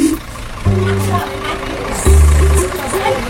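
The engine of a truck used for hauling goats idles, a low, steady rumbling drone that briefly dips and then comes back slightly louder for a moment before settling again.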